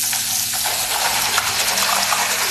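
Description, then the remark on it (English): Steady rushing water from a faucet left running in a Colgate commercial as a man brushes his teeth, with a dense hiss spread across the highs and small splashy clinks on top; constant, no voices. “Please turn off the faucet.”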